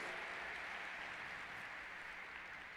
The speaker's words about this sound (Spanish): Palabra del Señor. Dale un aplauso a la palabra de Dios, déselo. Gracias, Señor, por tu palabra.